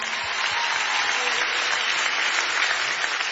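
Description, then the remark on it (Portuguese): Steady applause from an audience welcoming a man onto the stage, a dense, even wash of many hands clapping at a constant level for a few seconds, with no voices standing out. “Faz favor de aplaudir este homem, faz favor.”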